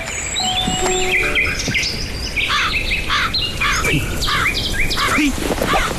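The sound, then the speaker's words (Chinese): A crow caws in a string of repeated harsh calls against a busy outdoor chorus of chirping birds and insects. The calls sound steady, with no one talking. “哪里来的乌鸦，晦气！”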